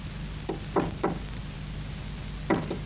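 Knocking on a door: three firm raps, a pause, then two more, fairly clear over a steady low background hum, with no voices.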